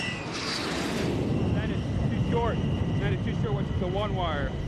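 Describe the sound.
An F-14 Tomcat jet roars loudly and steadily while landing on an aircraft carrier, with radio voices calling the ball over the constant engine noise.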